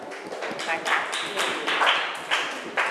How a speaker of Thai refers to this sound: เอาปรบมือให้เพื่อนก่อน